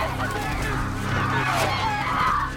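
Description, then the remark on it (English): A dense flock of birds shrieks and honks all at once, loud, their harsh overlapping cries forming a steady, frantic racket that never lets up, as the attacking birds dive and swoop at people's heads. “They look around in horrified realization and the birds start to dive at them. They sprint back towards the beach with more and more birds joining the flock, swooping at their heads.”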